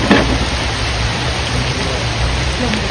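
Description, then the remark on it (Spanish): Heavy rain pours down in a dense, steady hiss that fills the whole sound, loud and unbroken for the full three seconds, with no voices. “La lluvia arreció.”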